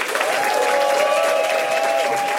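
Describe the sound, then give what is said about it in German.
The audience of the WDR Comedy Kitchen show applauds all the comedians in a dense, steady wash of clapping that holds at a constant level throughout, with a sustained whistle-like tone running over the clapping. “Dann nochmal ein großer Applaus an alle Comedians.”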